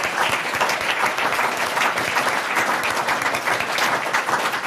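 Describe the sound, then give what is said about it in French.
A crowd claps steadily for several seconds, a dense, even wash of applause with no pauses and no voices standing out. “On peut applaudir Lucas Torrent.”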